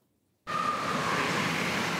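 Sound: busy train station ambience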